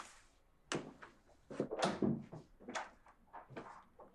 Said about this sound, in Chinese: 开门进来，面无表情地把包和车钥匙扔到鞋柜上